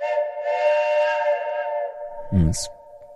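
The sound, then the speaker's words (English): A loud, sustained whistle-like horn blast holds a steady, rich tone for about two seconds, then cuts off into a brief low rumble and a short hiss. “Oh, dear, that deserves a big truck horn.”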